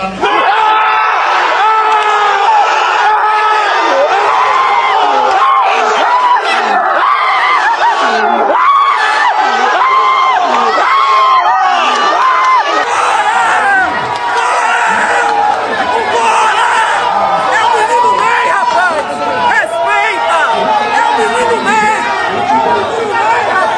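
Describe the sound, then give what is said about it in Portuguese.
A loud, dense crowd of football fans roars and shouts continuously, a constant wall of overlapping voices with whoops and cries rising above it throughout. “Depois que o italiano disse o nome do Neymar, a reação da torcida foi imediata e emocionante.”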